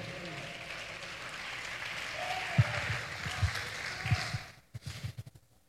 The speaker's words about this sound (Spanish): Dígame. Dele ese aplauso a Jesús si le queda mano todavía.